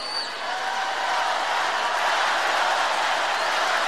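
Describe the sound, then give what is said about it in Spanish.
A dense, steady wash of applause and shouting from the Quinta Vergara audience, loud and sustained from start to finish, with no distinct voices. “Frente a este gran aplauso y a este grito”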